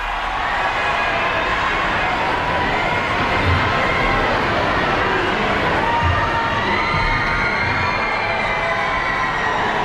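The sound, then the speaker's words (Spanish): A large crowd that had waited for hours since early morning shouts and cheers continuously for the Pope outside Barcelona Cathedral, in the courtyard of La Seu, a dense, steady roar of many voices echoing outdoors with no breaks, loud and filling the whole scene. “Y ahora sí se puede escuchar los gritos del público que llevaba allí esperándole algunas horas desde esta madrugada.”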